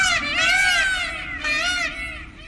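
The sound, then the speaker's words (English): Loud, piercing peacock mating calls, two long wailing cries with a rising-falling pitch, sounding almost like a baby crying or a person screaming, with no talking over them. Peacocks in a quiet seaside village near the city of Ravenna, calling before dawn. “of the colourful birds have taken over the streets of this quiet seaside village near the city of Ravenna, strutting their iridescent feathers, perching on rooftops, wandering into gardens, and waking residents before dawn with their mating calls.”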